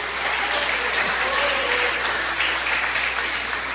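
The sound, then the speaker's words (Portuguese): A church audience claps hands for Jesus in sustained, dense applause, a steady wash of overlapping claps filling the whole clip at an even loudness, with faint voices underneath. “Bate as palmas para Jesus.”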